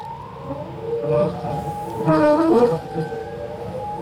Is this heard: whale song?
yes